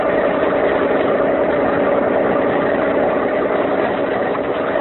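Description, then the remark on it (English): A police launch boat motor idles steadily on San Francisco Bay with a constant, droning hum and no change in pace, loud throughout, with no voices. “Oh, please, could you not make this boat go fast?”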